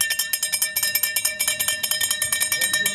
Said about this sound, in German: Ja, das ist das Klingeln vom Eismann, ist doch ganz klar. Ja? Wenn der Eiswagen kommt, dann rennen alle los, oder?